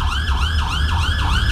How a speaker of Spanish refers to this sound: A las 7:34 minutos de la mañana, varias iglesias del país tocaron sus campanas. Las sirenas en las estaciones de bomberos se activaron.